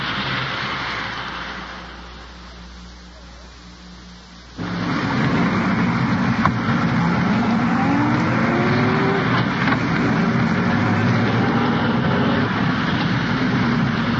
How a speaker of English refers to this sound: At present, I'm riding in an undercover car with Detective Sergeant Ward and Detective Walter.